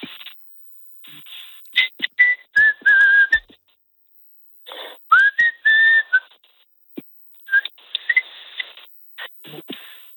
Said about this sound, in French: Je ne résiste pas à te demander de me siffler quelque chose parce qu'il paraît que tu siffles très bien, que tu arrives à faire de très belles mélodies.